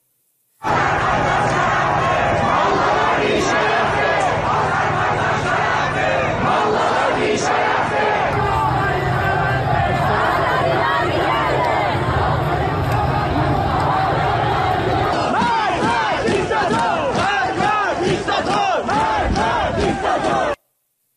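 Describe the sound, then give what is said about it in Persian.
A large protest crowd in East Azerbaijan province, Iran, during the Dey month protests, chants slogans loudly and continuously, many voices shouting together, with the chant turning into a sharper, rhythmic beat toward the end. “در برنامه جغرافیای انقلاب با مرور تجمعات، شعارها و شیوه های سرکوب در استانهای مختلف تصویری روشنتر از ابعاد انقلاب ملی دیماه ارائه میکنیم.”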